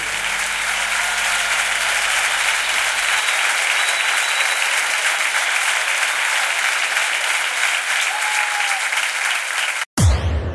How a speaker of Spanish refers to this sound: Aplaudile con fuerza al que dio su vida por vos.